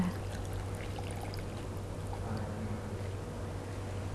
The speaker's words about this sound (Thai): เทให้หมดแก้วเลยค่ะ